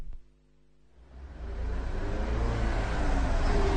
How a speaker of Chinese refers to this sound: 这是1938年的深秋时节，两辆民用卡车在秦岭大山中疾驰。这条修建不久的战备公路越山临河，地形异常复杂。